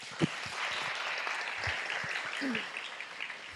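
A crowd applauds steadily, a dense wash of many hands clapping at an even level throughout, with a few sharper claps and faint voices mixed into the sound.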